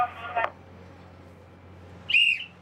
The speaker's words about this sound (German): Jedes Mal, wenn wir ein- und auslaufen, machen wir die Ehrweisung nach Laboe, eine Front pfeifen, die Kriegsschiffe. Einen kurzen Moment denken wir denn an die Seeleute, die auf See geblieben sind.